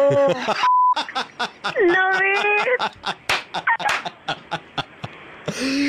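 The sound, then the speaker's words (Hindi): A single short, steady censor bleep cuts into excited, rapid talk, with voices speaking loudly before and after the tone, bleeping out swearing during a Radio Mirchi 'Mirchi Murga' prank call. “ये जो beep beep हो रहा था ये बीप हटा दूं मैं?”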